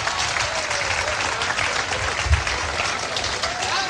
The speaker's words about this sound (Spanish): Denle el aplauso al Señor, bien grande.